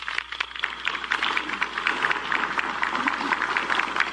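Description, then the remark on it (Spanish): Sustained audience applause at a Peruvian government recognition ceremony, honoring suboficial Eduardo Cotrina, many hands clapping in a dense, steady patter that holds at an even level for several seconds with no voices standing out. “Un aplauso, por favor, para él.”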